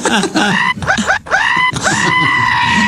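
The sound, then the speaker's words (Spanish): A person imitates the anguished screams of a man having his foreskin cut without anesthesia as part of a custom: four loud, strained, wavering wails in quick succession, with a bleating, goat-like quality and short breaths between them. “¿Cómo grita?”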